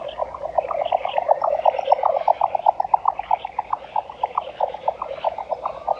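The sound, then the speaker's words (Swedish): A jack snipe's display call, heard during a bird-song night: a rapid, galloping series of hollow knocking pulses repeating steadily for the whole stretch, with no voices and a faint outdoor hiss behind it. “Och jag vill lyfta några sådana exklusiviteter nu från förra lördagen. En sådan var dvärgbeckasinen.”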